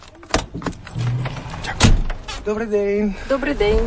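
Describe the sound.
A heavy truck cab door clunks open and slams shut, two solid metallic thuds, followed by someone starting to speak inside the cab, on a driving-licence exam track on the outskirts of Kyiv.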